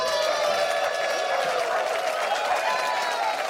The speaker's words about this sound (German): Und ich bitte um einen riesengroßen Applaus für Dietmar Wischmeier.